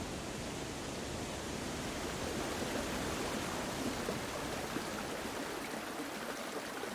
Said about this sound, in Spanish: de cascadas, que son la suma de miles y miles de gotas que vienen de los carámbanos, de los témpanos de hielo. Aigües Tortas y San Mauricio es el paisaje de los lagos de montaña. El agua aquí suena en todas las notas de la escala.